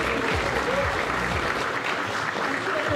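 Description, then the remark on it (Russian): An audience applauds with dense, steady clapping that holds at an even loudness for the full three seconds, with no voices standing out. “Во, за гэта аплодисменты.”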